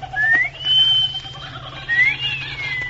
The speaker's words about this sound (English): Patsy is crawling out of the hut. She's cutting into the jungle. Give her that wolf whistle,